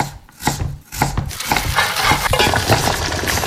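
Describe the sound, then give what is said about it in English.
A spoon stirs a Golden one 3-in-1 drink mixed with water, giving a quick, uneven run of bright clinks and scrapes against the cup that carries on steadily for a few seconds with no talking. “Just add water, stir, and enjoy.”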